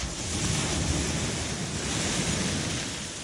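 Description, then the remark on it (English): Ocean waves wash steadily onto the shore of the coast in a continuous, fairly loud rushing roar, unbroken, with no voices present, while someone stands in the cool water. “As I usually do, late in the show, I drive over to the coast and just stand in the waves.”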